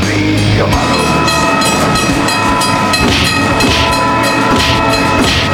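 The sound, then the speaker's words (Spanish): A train sound effect: a train rumbles loudly and steadily throughout, with a sustained horn blaring over the clatter of the cars. No one speaks. “Ahí se van los trenes para chocar.”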